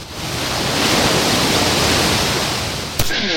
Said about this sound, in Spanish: que hoy convive con el viento, con las olas y con un montón de gente que a pesar de esta mar movida, pues disfruta la playa de Salobreña.